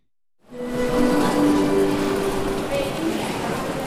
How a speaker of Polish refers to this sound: Pociągi przez mroczny ogród na dworcu głównym, jak to możliwe?